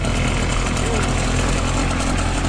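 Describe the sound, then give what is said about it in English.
A pull-started concrete sprayer's small motor, just started by pulling its starting cord for spraying concrete at a concrete pour in the Netherlands, runs at a steady idle, a loud, constant low rumble with a buzzing mechanical drone that holds an even level throughout. “I pulled the starting cord so he can so the motor starts working.”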